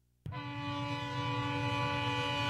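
A loud freight train horn blasts suddenly and holds steady, its chord of stacked tones sustained over a low rumble of rolling rail cars.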